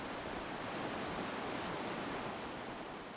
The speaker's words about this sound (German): Das Rauschen der Gurgler Ache gehört zum beständigen Grundton von Obergurgl. Sie entspringt dem Gletscher, dem Gurgler Ferner,